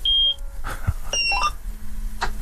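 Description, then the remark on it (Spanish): A combine harvester is started with its key: a run of short electronic dashboard beeps at several pitches, then a steady low engine drone settling in under a rumbling background. “Estoy por pedirte que gires la llave, a ver si se escucha por la radio.”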